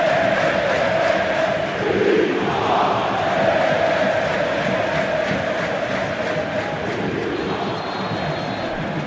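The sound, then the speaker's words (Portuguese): A large crowd of football fans at the Ilha do Retiro stadium chants together in a loud, continuous roar, with a sustained sung tone rising and falling across the whole stretch and no pause in the noise. “Olha o grito da galera.”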